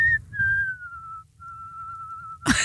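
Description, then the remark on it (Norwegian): A person whistles a melody, a clear tune that glides downward, pauses briefly, then holds a long wavering note with vibrato before a sudden burst of noise cuts it off. “Med vibrato? Ja.”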